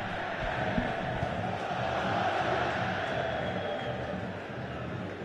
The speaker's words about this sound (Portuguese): É a torcida gritando olé, olé a cada passe da equipe do Avaí.